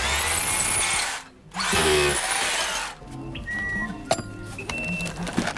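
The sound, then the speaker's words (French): Two loud bursts of a power screwdriver turning screws, each lasting about a second, followed by quieter clicks, rattles and a few short high squeaks. “Non, mais faut tourner, t'as un tournevis, tu vois, toi.”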